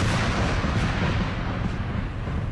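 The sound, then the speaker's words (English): A deep, sustained rumble of thunder rolls on without a break, loud and heavy in the low end, with a broad crackling roar spread over it and no voices, during a storm with lightning and the earth shaking. “It was thunder. Thunder. The earth was shaking.”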